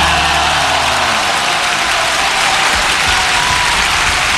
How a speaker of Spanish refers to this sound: aplauso para esa canción.